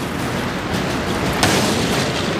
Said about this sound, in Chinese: 反坦克炮朝你开火的时候，炮声大得吓人